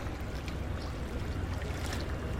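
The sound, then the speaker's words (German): Gentle Rhine river water at low level lapping and splashing softly against the lowest stone step of the Rheintreppe riverside steps in Duisburg-Ruhrort, Germany, a continuous low wash with a faint rumble underneath and no voices. “Und weil das so ist, muss ich mich auch auf der letzten Stufe der Rheintreppe in Duisburg-Ruhrort strecken, um wenigstens ein bisschen Wasserplätschern einzufangen.”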